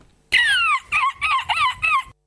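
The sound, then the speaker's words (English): A loud bird call: one long, sliding note followed by four shorter, choppy bursts in quick succession, with nothing else around it. “It was a bird at the end.”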